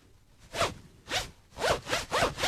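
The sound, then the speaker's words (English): A clothing zipper is zipped back and forth several times in quick, rasping strokes, fairly loud, with short pauses between the pulls. “Your zip is killing me there.”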